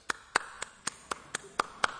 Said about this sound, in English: And this is what clapping sounds like in Alaska.